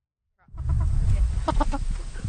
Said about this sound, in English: What's it like to have a chicken coop in your backyard? Well, let's just say it's tricky. At night, it's hard to get them in their coop because they go under and we have to, it takes a long time.